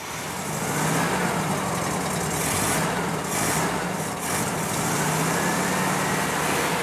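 A loud engine, newly fitted with a fuel pump and a battery, runs steadily with a rough mechanical roar and rattle during a test start, and its pitch climbs gradually as it is revved up over several seconds. Nobody speaks.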